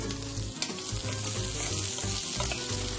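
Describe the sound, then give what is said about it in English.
Onions sizzle steadily in hot olive oil in a pan, a continuous crackling hiss with a low rumble underneath and no one talking. “Can you hear the sizzle sizzle?”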